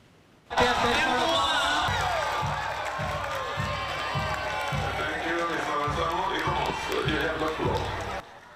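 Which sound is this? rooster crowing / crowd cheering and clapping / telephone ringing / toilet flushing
crowd cheering and clapping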